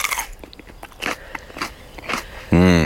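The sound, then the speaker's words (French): Crisp crunching as someone bites into a fresh chili pepper from plants in full bloom, a quick series of snappy bites and chews, before a voice starts speaking at the very end. “Vous pouvez, on peut en croquer ah un comme oui, ça ou pas? Bien sûr qu'on peut en croquer, évidemment.”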